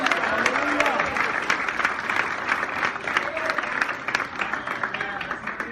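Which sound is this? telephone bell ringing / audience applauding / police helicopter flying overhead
audience applauding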